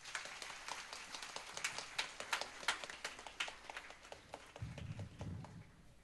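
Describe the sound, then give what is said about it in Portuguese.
A standing crowd claps warmly to show gratitude, many hands producing a dense, crisp patter that holds fairly even for several seconds, with a low murmur of voices rising beneath it toward the end. “De pé, manifestamos nossa gratidão com uma calorosa salva de palmas.”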